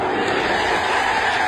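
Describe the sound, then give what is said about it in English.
A cricket crowd erupts in loud, sustained cheering after Ben Stokes takes a wicket, a dense wall of roaring voices and shouts that holds steady at full volume for the whole short moment. “The crowd erupts there.”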